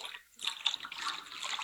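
Water pours steadily into a baptismal font during a baptism, a bright splashing stream that dips briefly near the start, then keeps running with no talking over it.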